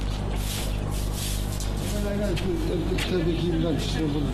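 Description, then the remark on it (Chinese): Pigeons coo in soft, low warbling calls that pick up halfway through, repeating over a steady, continuous background hum, as they are let out of their coop in Awati County, southern Xinjiang, China, in October. “在新疆南部的阿瓦提县，鸽子出笼，耕者下田，是百年未变的作息时间。”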